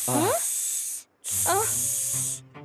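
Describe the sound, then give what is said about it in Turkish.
Two long, loud snake-like hisses separated by a brief pause, each opening with a short gliding vocal sound, as if a voice is imitating a snake. “Durun durun, biz köstebek değiliz. Biz yılanız.”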